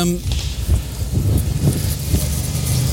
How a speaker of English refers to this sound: Oh, God, hold on, we're going to get run over. Wait, let him go. These cars are so posh, and they're so quiet because they're electric. If you're not careful, you get run over very easy.